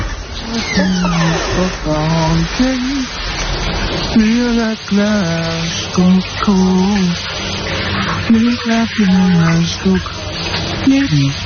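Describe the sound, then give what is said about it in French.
Shower water runs in a steady hiss throughout, while a male singer taking a shower sings loudly and enthusiastically over the spray in long, wavering phrases. “Avez-vous deviné le nom du chanteur qui prend sa douche, qui a l'air de prendre beaucoup de plaisir d'ailleurs sous la douche?”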